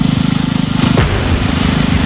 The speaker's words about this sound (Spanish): Esto que acabas de escuchar es la explosión controlada con la que Rumanía ha redirigido agua al Danubio para evitar así que una central nuclear vital quedara paralizada, porque sin el agua del río no se pueden enfriar los generadores.